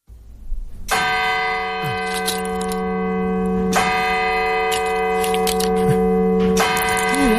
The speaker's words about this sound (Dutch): Het geluid van je jeugd. Kerkklokken. En deze kerkklokken, waar stonden die? Die kerkklokken, nou, die staan natuurlijk op heel veel plekken. Maar waaronder ook in mijn dorp Volendam.